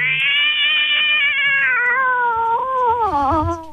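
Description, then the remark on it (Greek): A person's voice imitates a cat in heat on the show Ta Kounavia, with one long, wavering, nasal caterwaul that slowly drops in pitch and wobbles near the end, loud, with no other talking. “Εσύ συνέχισε να κάνεις την κάτα.”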